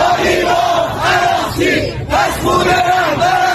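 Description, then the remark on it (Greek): A large crowd of hardline protesters in the streets of Tehran, Iran, chants slogans against the Iranian leadership in unison, loud rhythmic shouted phrases repeating every second or so, voices rising and falling together over a constant roar of many people. “Στην Τεχεράνη, σκληροπυρηνικοί διαδηλωτές βγαίνουν στους δρόμους και φωνάζουν συνθήματα κατά της Ιρανικής ηγεσίας και ζητούν εκδίκηση για το αίμα του εκλειπώντος Αγιατολλάχ Αλί Χαμενεΐ.”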